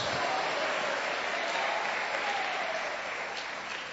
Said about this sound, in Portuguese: Pode aplaudir a Jesus. Pode dar glória a Deus.